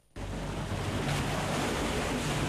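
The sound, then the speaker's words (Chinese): Ocean waves wash onto the shore in a steady, close, loud roar of surf that cuts in abruptly after a brief moment of silence and continues without pause. No one speaks. “阳光、海浪、古厝都在等着我们。”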